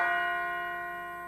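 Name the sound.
carillon bells ringing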